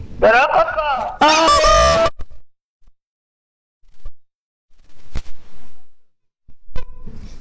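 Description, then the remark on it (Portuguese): A person answering a phone call loudly imitates a rooster or hen with about two seconds of squawking, crowing calls, then near silence broken only by a few faint clicks and soft noises. “Não diga alô, imite um galo ou uma galinha.”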